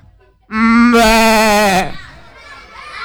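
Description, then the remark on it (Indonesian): A single loud goat bleat, about a second and a half long, with a wavering, quavering tone that rises sharply partway through, then drops off into quiet. “Kambing?”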